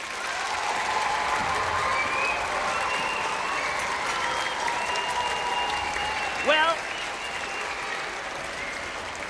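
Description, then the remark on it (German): Sustained audience applause for the Münchner Rundfunkorchester (Munich Radio Orchestra) at a concert, dense, steady clapping for several seconds, with a few cheers and whistles mixed in and a brief spoken word near the start. “Könnt ihr mir geben einen dicken Applaus?”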